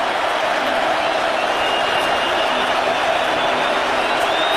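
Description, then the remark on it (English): A stadium crowd at U.S. Bank Stadium in Minnesota roars loudly and steadily during a fourth-quarter third down of a Packers–Minnesota American football game, a dense, continuous wash of cheering noise that holds at full volume for the whole few seconds without any break or lull. “And the crowd comes to full throat here at U.S. Bank Stadium.”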